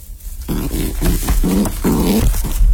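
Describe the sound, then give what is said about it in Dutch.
A pigeon named Traki, caught and put in a basket, grunts discontentedly in a string of short, low, throaty bursts, each rough and murmuring, following one another quickly and fairly loudly with no one talking. “Traki knorde vooral ontevreden.”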